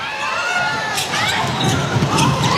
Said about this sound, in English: What a great crowd it sounds like it is in the really Hydro. They're just happy to be there, aren't they? Cheering absolutely everything that's going on for Doju.